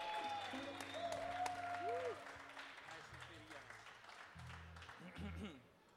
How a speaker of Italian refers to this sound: un applauso per Kiss e Pesos